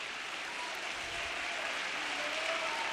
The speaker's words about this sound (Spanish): Dele palmas al Señor. Aleluya, aleluya.